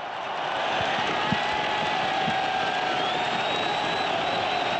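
A huge stadium crowd roars in a sustained wall of cheering, with whistles and scattered shouts rising above a dense, steady din that swells early and holds loud throughout, after Australia scores to lead a football match one goal to nil.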